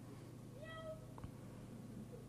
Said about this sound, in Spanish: Ahí escuché un miau. Ahí escuché un miau. Me encanta.